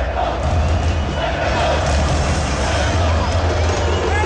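A football stadium crowd in the general stand shouts and roars after a 0-0 match. The noise is a dense, continuous wall that holds a steady loud level throughout, with a low rumble underneath and no clear breaks.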